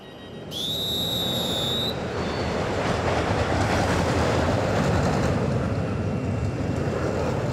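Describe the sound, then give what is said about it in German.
A roller coaster rumbles along its track on its daily test run, a steady, loud rolling roar throughout, opening with a brief high-pitched metallic squeal in the first couple of seconds. No voices. “Das ist die Achterbahn, die macht Probefahrt.”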